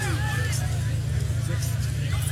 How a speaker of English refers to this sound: And Chase Mason was telling the Jackrabbit faithful sitting in the end zone on the north end of the stadium to be quiet. They were making too much noise.